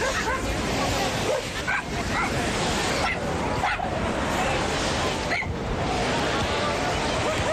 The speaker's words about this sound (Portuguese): porque está aqui um cão que já teve sorte numa iniciativa destas, mas com o futebol.